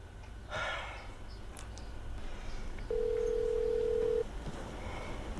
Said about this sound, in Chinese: 田母随即拨通手机。